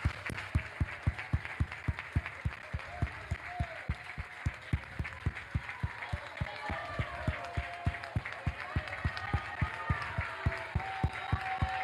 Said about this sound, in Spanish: Denle un aplauso al Padre, al Hijo, al Espíritu Santo.